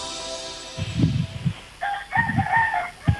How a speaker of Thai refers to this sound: เปิดด้วยเสียงไก่ขันมาเลยสวัสดีครับ สวัสดีไก่ก่อนจ้าไก่ข้าหนองคายเหรอคะ